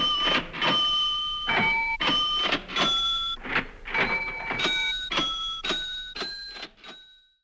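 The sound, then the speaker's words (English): A quick melody played on a composer's musical cash register: rhythmic mechanical clacks and clunks, each paired with a ringing bell-like tone whose pitch shifts from note to note, ending with a final sustained ring. “For now, I'll leave you with … musical cash register.”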